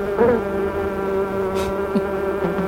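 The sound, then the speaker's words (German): A steady drone of many honeybees buzzing together at a new school beekeeping club in Möser, Saxony-Anhalt, Germany, the hum holding level throughout with slight swells as individual bees pass. “Ja, in Möser in Sachsen-Anhalt, da gibt es nämlich jetzt eine neue Imker-AG und da dreht sich alles um Bienen, Waben und natürlich jede Menge Honig.”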